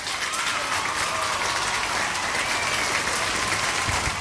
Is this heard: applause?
yes